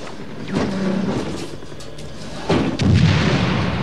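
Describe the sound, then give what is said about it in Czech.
Heavy gunfire from two Browning pistols: a few loud, sharp shots spaced irregularly, each followed by a low booming rumble that hangs between them, with no voices. “Co to je, dva Browningy?”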